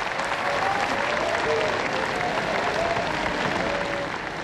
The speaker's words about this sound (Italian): Rina Morelli, Paolo Stoppa, Sergio Fantoni, della Marchesini, della Occhini e dell'attrice francese Françoise Pirat hanno portato alle stelle gli applausi dopo il terzo atto, decretando un vero trionfo all'ardito lavoro di Diego Fabbri.